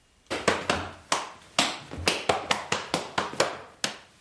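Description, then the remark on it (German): An 11-year-old boy in lederhosen practises Schuhplattler dancing: a quick series of sharp slaps on thighs and shoes, about a dozen crisp smacks in a lively, slightly uneven rhythm, with no voices. “In seiner Lederhosen übt der 11-jährige Josef Schubladeln, denn morgen Nachmittag steht er mit auf der Bühne vor dem Rathaus”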